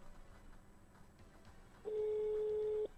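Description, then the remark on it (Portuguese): A single steady telephone ringing tone on the line, a clear electronic beep of about one second, heard alone over faint background hiss while a call connects. “Será que vai atender? Hã? Chamando.”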